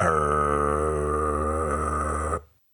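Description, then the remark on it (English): A voice imitates a chainsaw in place of a meditation mantra hum, one steady, loud, buzzing drone that is rich and raspy in tone. It holds for over two seconds, then cuts off abruptly into silence. “Instead of humming Om, his mantra, he is making the sound of the chainsaw.”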